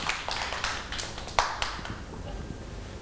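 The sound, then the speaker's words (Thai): A group of children clap their hands for a child who has just told about a trip to the sea, a brief, uneven patter of overlapping claps, moderately soft, with faint murmur underneath. “เด็กๆปรบมือให้น้องอองฟองด้วยค่ะ”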